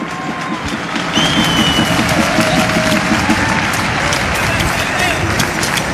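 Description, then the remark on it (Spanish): An audience claps loudly and steadily for the whole stretch, a dense crackle of many hands with a few high whistles and murmured voices mixed in, a loud round of applause for a group of boys who have just been told to sit down. “Aquí viene un fuerte aplauso para todos ellos.”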